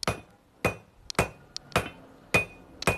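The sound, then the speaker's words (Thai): Heavy hammer blows ring out as iron is forged on an anvil, struck until it takes shape: about six loud metallic strikes spaced roughly half a second apart, each with a bright ringing tone, with lighter taps between some of them. “เราต้องตีนานไหมคะกว่าที่จะได้เหล็ก ตีจนกว่ามันจะได้รูป”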